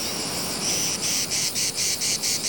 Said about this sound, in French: le chant de la cigale incite les autres mâles à chanter aussi. Tous ensemble, ils ont plus de chances de capter l'attention des femelles qui se trouvent loin.